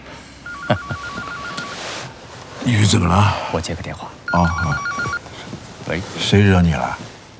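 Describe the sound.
A phone rings in two short bursts of a warbling electronic tone while people talk over and between the rings.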